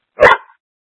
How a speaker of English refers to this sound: Sorry, there's a dog barking.